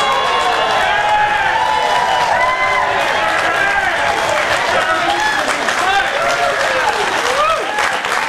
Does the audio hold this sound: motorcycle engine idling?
no